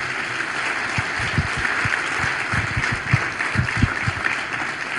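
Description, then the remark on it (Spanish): A crowd at a church service claps steadily and continuously in applause for Jesus, a dense wash of many hands with some louder individual claps standing out, many people applauding together. “Vamos, celébralo con un aplauso para Jesús.”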